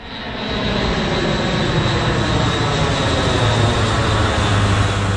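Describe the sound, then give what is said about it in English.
A steady, loud roar of propeller aircraft engines fills the air overhead as planes fly over Tristan da Cunha in the South Atlantic while soldiers parachute down to deliver medical supplies. The roar rises in the first half second and then drones continuously with no voices. “Planes fly over Tristan da Cunha as soldiers are parachuted down to the ground there to deliver medical supplies.”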